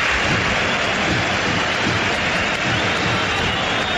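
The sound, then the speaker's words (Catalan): A huge stadium crowd at the Santiago Bernabéu applauds Ronaldinho without pause, a dense, steady wash of clapping and roaring that holds at a loud, even level for the full four seconds, with no single voice standing out. “Ronaldinho Gaúcho fa aplaudir el Santiago Bernabéu.”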